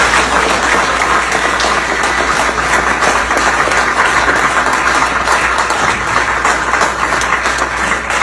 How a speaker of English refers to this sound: They're all clapping, like barking seals. Arp, arp, arp. Or like lemmings, you know, before they jump off the side of a cliff. I mean, straight into the new tax. Clapping after giving their constituents a new tax.